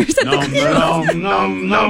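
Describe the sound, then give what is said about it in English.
Harrison Ford and the Cookie Monster hum the Indiana Jones theme together in loose harmony in a behind-the-scenes clip: a bright, bouncy melody, sustained pitched tones rising and falling over a couple of seconds, fairly loud with no spoken words. “And it's the Indiana Jones theme they're humming. They're harmonizing.”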